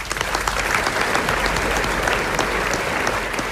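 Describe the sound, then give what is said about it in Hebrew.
Steady, dense audience applause for composer Tzvika Stern during a live broadcast fills the whole stretch, a continuous crackle of many hands clapping at an even, fairly loud level with no voices rising above it. “באמת גדול המלחינים, הוא איבד דברים מטורפים, הוא הלחין, הוא הלחין דברים, וקרדיט, כפיים לצביקה שטרן, כפיים ממומן, רבותיי.”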